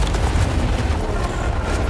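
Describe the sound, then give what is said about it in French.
A snow cornice collapsing on a mountain: a loud, continuous low rumbling roar with a dense, crumbling texture that holds steady for the whole two seconds, with no voices. “La corniche sur laquelle on était il y a 40 minutes s'effondre.”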